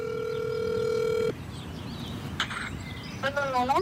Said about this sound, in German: das Handy in der Hand auf Lautsprecher gestellt. Er hält es nah an den Mund und ruft zu Hause in Afghanistan an.